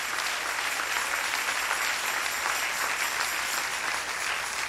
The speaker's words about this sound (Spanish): Dale un aplauso al Señor en esta preciosa y hermosa mañana.